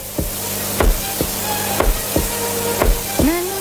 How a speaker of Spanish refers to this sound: Porque además de esos latidos del corazón que se hicieron con un bombo,